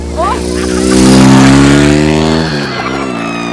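A loud motorcycle engine roars, swelling to a peak and then dropping in pitch as it revs and passes, droning steadily for a few seconds.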